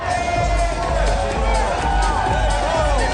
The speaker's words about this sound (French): C'est sous les applaudissements et dans une ambiance électrique que Maëlle Toury et l'actrice principale de son film sont arrivées sur le tapis rouge.